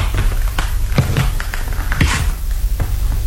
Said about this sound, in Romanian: Am ajuns la ușă. Pașii ăștia pot să treacă uneori și ani întregi până să-i faci.